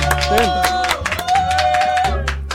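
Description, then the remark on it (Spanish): A burst of applause, with quick, irregular claps packed densely together for a couple of seconds over a steady low hum and a sustained tone, loud. “No, bien, amigo, merece un aplauso, ¿eh? Un aplauso.”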